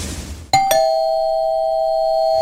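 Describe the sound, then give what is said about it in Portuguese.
A doorbell chimes with two quick strikes, a ding-dong, and the second tone rings on clearly and steadily to the end. Fairly loud, after a short burst of noise. “Toquei a campainha, ela não me atendeu.”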